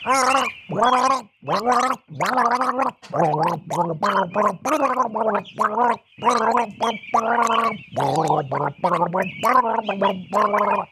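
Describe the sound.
Someone gargles a well-known tune for a listeners' guessing game on Radio Wien, the bubbling throat noise carrying clear pitched notes in rhythmic phrases with short breaks between, loud and steady throughout, with no talking.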